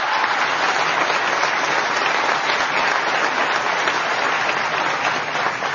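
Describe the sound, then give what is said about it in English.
A crowd at the Profile in Courage Award event at a library applauds steadily, a dense and loud wash of clapping hands that holds at an even level for several seconds with no one speaking. “I think she also deserves another round of applause.”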